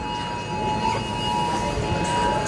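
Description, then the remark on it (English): Many phones in a supermarket blare a government emergency alert at once, a steady, piercing two-tone electronic drone that holds unbroken for the whole moment over a low rumble of background noise. “So the alarms are going off at the supermarket. Your phone alarm's going off.”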